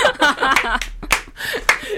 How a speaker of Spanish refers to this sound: ¡Ay, un aplauso!